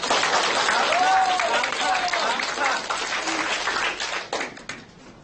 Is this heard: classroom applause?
yes